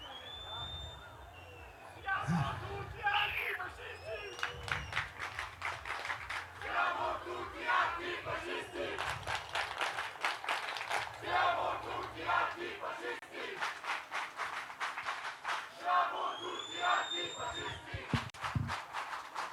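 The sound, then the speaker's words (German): A crowd shouts loudly and continuously in a rough, rhythmic roar, with bursts of yelling rising and falling and a few high whistle-like tones cutting through the din. “Und dass wir das hier schreien, ist natürlich eine sehr, sehr, sehr, sehr, sehr gute Sache.”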